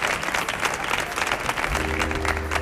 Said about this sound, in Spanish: Mira, mira, mira, sin pedir el aplauso, solo mana, mana el aplauso.